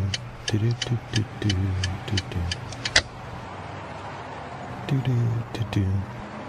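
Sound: car engine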